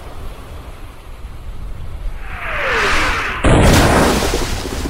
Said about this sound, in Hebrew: מסביבנו שועטות 250 מפלצות ברזל משוריינות מחליפות מהלומות אימתניות באמצעות תותחיהן הענקים. פגזים נופלים לכל עבר, מרימים סילונים אדירים של מים אל השמיים.